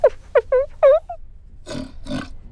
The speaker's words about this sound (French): Tu entends? Mais c'est un grognement de cochon. Qu'est-ce que fait un cochon dans une bibliothèque?